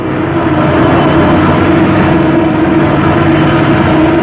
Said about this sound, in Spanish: La avioneta descendía peligrosamente. El fuselaje se estremecía y parecía a punto de deshacerse. Roscoe trataba de alcanzar aquella zona donde estaba el claro de la selva y descendían más y más.